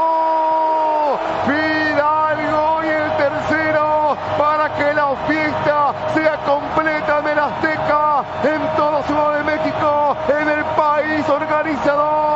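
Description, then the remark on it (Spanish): A loud, sustained roar from more than 80,000 fans at the Estadio Azteca after Fidalgo's goal for Mexico, with whoops and bellowing voices rising and falling over the dense cheering for about twelve seconds without letting up. “Fidalgo, explota la Azteca, más de 80.000 almas.”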